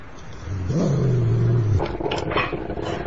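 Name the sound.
dog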